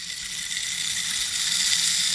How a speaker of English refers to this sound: I'll play the rain stick.